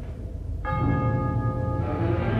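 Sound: bell ringing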